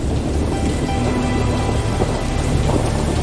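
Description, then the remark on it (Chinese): A heavy downpour hisses steadily while deep thunder rumbles low and continuous beneath it, a dense, loud storm in Kakadu, one of the largest storms on Earth, with no voices. “倾盆。卡卡杜的暴风雨是地球上最大的风暴之一。”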